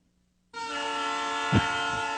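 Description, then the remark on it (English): A train horn suddenly blares and holds a loud, steady harmonic tone, sounding close by and continuous, with a brief swell in the middle and no voices. “Thank you, Train. Louder. Louder to block out that noise spewing.”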